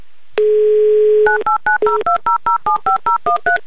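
A phone number being dialed: a steady dial tone sounds for about a second, then a quick, evenly paced run of roughly a dozen loud touch-tone beeps, with no talking.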